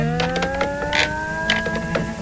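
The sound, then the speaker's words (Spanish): Drawn-out creaking of wooden joints, like those in furniture or house frames, with a steady, slowly sliding groan, broken by several short, sharper squeaks and clicks as friction builds between the pieces of wood. No voices are heard. “Bien, de noche, cuando los pedazos de madera se contraen y enfrían, hay fricción entre ellas, provocando chirridos y crujidos.”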